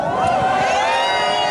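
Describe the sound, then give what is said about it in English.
A dense, loud crowd of soccer fans celebrating after a match roars in an open street in Barcelona as they head for the city center, thumping their chests and setting off fireworks: a steady wall of cheering voices with shrill whistles or horns sounding over the top throughout. “As Spanish players prepared to get their medals, a huge part of the crowd peeled off, heading for the center of Barcelona, thumping their chests and setting off fireworks.”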